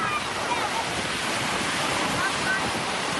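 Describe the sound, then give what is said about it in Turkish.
Loud, steady roar of giant waves on a rough sea at the coast of Vize, Kırklareli, Turkey, with a continuous wash of crashing water and wind noise, filling the whole recording without clear breaks between waves. “Dev dalgaların arasında can pazarı yaşanırken ekipler bölgeye ulaştı.”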